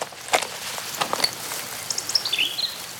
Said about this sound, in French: On est au bord d'une rivière. Est-ce que tu entends l'eau de la rivière? La rivière coule. La rivière coule paisiblement.